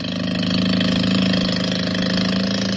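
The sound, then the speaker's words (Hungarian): A small boat's motor drones steadily as the boat speeds across an open lagoon in a fresh sea wind, a loud, continuous buzzing hum with no pauses and no voices. “Kettesben a száguldó kis hajón a friss tengeri szélben.”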